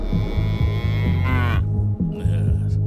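A cow moos loudly in one long, drawn-out low bellow, its tone wavering and rising slightly before it breaks off. No speech is heard.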